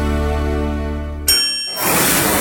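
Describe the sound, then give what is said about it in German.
Beer glasses clink together in a toast at the Augustiner Biergarten in Obermaß, Meran, a single bright ringing chime that follows a steady low tonal hum and gives way to a loud, even hiss. “Prost! Genau so klingt der Sommer in Meran.”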